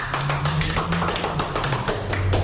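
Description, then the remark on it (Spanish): An audience applauding in their church, their sacred temple: steady, dense clapping from many hands throughout, fairly loud, over a low sustained hum of tones underneath, with no voices. “Aplaudamos todos, por favor, estamos en nuestro templo sagrado.”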